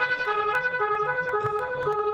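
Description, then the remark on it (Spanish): An ambulance siren sounds loudly and continuously, a steady, harmonically rich tone holding for a couple of seconds with faint traffic rumble underneath and no one speaking. “Uy, señor, tiene una ambulancia.”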